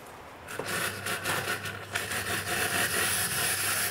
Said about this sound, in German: Die Kaffeemaschine streikt.